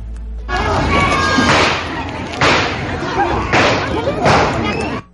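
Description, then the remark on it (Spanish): Six loud gunshots ring out a second or so apart during a brawl between vendors at a market fair in Tenancingo, each a sharp bang with a short echoing tail, over continuous agitated crowd noise and raised voices. “Esto habría sido entre comerciantes de la feria, donde se dio una riña y se escucharon 6 disparos de arma de fuego.”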